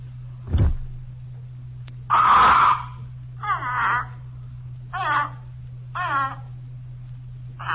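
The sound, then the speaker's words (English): A dull thump and a brief rustling burst as the cloth is pulled off a parrot's cage, then the parrot gives four harsh, warbling squawks in protest at a steady pace, each short and mid-pitched, over a constant low hum. “We crouched there behind the curtains watching the parrot. He protested a while at being so rudely disturbed by some unseen agency.”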